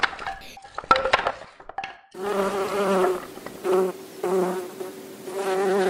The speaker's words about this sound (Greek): Τα καταφέραμε, οι μέλισσες πετάνε χαρούμενες. Μόλις οι μέλισσες ελευθερώθηκαν, το δάσος άρχισε να λάμπει.